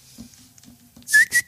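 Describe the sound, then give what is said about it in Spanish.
A woman whistles a bird call, two short, bright chirps in quick succession, loud and high-pitched, after a moment of near silence with faint low murmuring. “¿Cómo hace un ave?”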